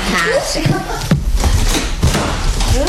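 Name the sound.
door slammed shut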